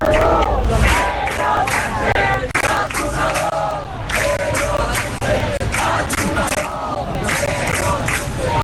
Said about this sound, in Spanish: Son los abucheos que han recibido al presidente del gobierno cuando está celebrando este evento de la vanguardia en Barcelona.